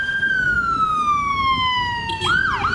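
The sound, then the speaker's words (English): A loud ambulance siren at a paramedics' picket outside Merlin Park Hospital holds a long tone that slowly slides downward, then abruptly jumps and begins a new wailing rise near the end, with steady street rumble underneath. “They're out with their signs alongside ambulance vehicles and will be there until 8 this evening.”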